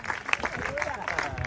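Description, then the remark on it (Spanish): A church audience claps steadily together as an applause to the Lord during a sermon, a dense, even patter of many hands at moderate loudness, with some indistinct voices mixed into the applause. “Dele un aplauso al Señor y se despierta, por favor.”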